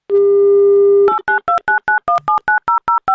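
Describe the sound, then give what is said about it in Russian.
A steady telephone dial tone holds for about a second, then gives way to a quick, even run of about a dozen short keypad beeps as the Avtoradio radio station dials a listener's number. No voices. “Вместо скучных гудков должны услышать именно его”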